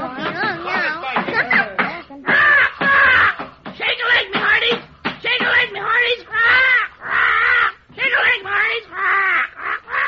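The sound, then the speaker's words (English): A bird squawks and caws loudly, in a rapid string of harsh, rising and falling bursts with only brief pauses between them. “Quiet, you blooming dodo.”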